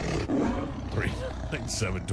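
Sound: lion roar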